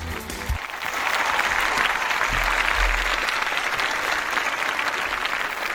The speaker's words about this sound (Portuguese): vamos aplaudir essa segunda-feira que começa, que seja um dia produtivo, uma semana maravilhosa para todos nós. Vamos lá.